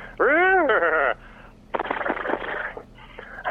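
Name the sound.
voice imitating a horse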